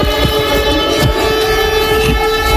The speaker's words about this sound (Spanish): Esto que estamos escuchando son las sirenas antiaéreas de Lublin, en Polonia, que se han activado ante la posibilidad de que uno de esos misiles pudiera haber ingresado en el espacio aéreo polaco.